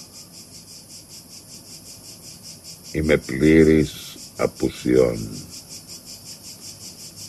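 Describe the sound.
Cicadas chirp in a steady, rapidly pulsing drone that runs the whole time at moderate level, with a voice speaking briefly over it partway through.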